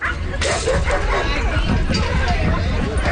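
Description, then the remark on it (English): Several dogs bark and yip in overlapping bursts at the opening of the new Bridgewater Trails Dog Park in South Winnipeg, which has large and small dog areas, over a steady outdoor murmur of people talking, with a dense, busy ambience throughout. “And finally, a new dog park in South Winnipeg has tails wagging.”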